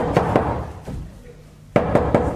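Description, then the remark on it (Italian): Knocking on a door: a couple of firm raps, a pause, then a quicker burst of three knocks, loud against a quiet background. “Bussano. Ho sentito, apri.”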